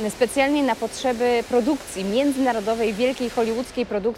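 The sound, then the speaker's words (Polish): A steady wash of splashing water from an indoor fountain beside the ticket offices of Łódź Fabryczna railway station fills the background, a constant hiss-like rush running beneath a man speaking continuously. “szum, który Państwo słyszą na pewno w tle, no nie jest takim codziennym dźwiękiem, który możemy usłyszeć właśnie w przestrzeniach dworca, no ale to jest specjalna okazja, bo to jest dźwięk fontanny, która powstała tutaj, tuż przy kasach biletowych”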